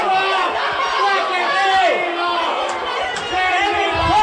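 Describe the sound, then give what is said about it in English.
A big rugby stadium crowd roars continuously and loudly during a break in play, a dense wall of cheering and indistinct shouting that swells slightly toward the end, with no clear individual voices standing out. “Now, if you can hear us out of the crowd, we'll tell you that Max Stone took the ball and managed to make a break.”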